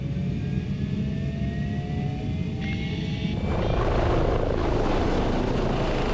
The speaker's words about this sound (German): Wird das Gelände schwierig, geht es in die Luft. Einsatz für den Helikopter.